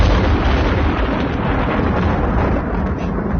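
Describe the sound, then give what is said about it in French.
A loud, continuous roll of thunder from a summer thunderstorm in France, deep and rumbling, with a dense, crackling texture of lightning cracks that holds steady for the whole stretch and never fades out. No voices are heard. “Mais bien sûr, le grondement de l'orage, le claquement de l'éclair, que l'on a entendu 244 000 fois depuis le 1er juillet en France.”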